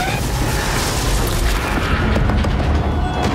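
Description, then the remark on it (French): A train and car pile-up crash scene from the film Disclosure Day: a continuous, loud roar of crunching and rumbling impact noise that stays dense and heavy for the whole few seconds, with deep booming underneath. “En tout cas, Disclosure Day, c'est quand même 2h30 de spectacle, une scène de carambolage de train-voiture assez dingue, également extrait.”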